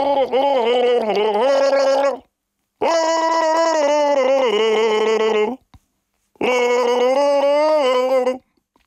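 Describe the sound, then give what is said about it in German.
Three long bursts of wet, throaty gargling of Baltic Sea water on NDR 1 Radio MV, each about two to three seconds with short silences between, loud, with a wobbling voiced tone bubbling through the liquid. “Das NDR1 Radio MV Ostseewassergurgeln.”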